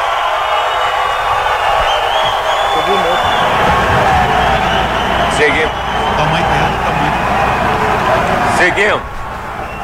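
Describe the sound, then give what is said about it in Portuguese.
A large crowd of guests and sponsors at a Brazil World Cup squad announcement chants the player name "Neymar" and cheers loudly and continuously, a dense roar of many voices with rising shouts that persists for the whole stretch and dips slightly at the very end. “Agora com convocação com torcida é diferente, hein?”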